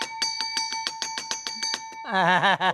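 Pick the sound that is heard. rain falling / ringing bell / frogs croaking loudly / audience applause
ringing bell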